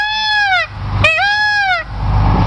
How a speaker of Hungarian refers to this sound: Mi hangja van egy pávának? Várj, most már megkeresem.